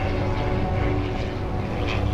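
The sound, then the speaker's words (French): A propeller airplane drones overhead above snowy mountains, a steady, loud engine hum with a throbbing low rumble that holds constant throughout, no voices present. “Soudain, un bruit là-haut attire son attention.”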